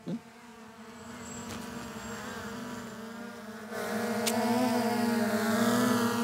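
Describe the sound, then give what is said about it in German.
A small model airplane engine drones with a thin, insect-like buzz, holding a steady pitch and growing noticeably louder partway through as it passes overhead, flying in a mock air battle over Wolfratshausen. No one speaks. “Schau, Luftschlacht über Wolfratshausen! Vorsicht! Land es einmal!”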